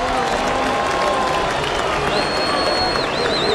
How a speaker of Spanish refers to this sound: Aplausos para el arquero argentino.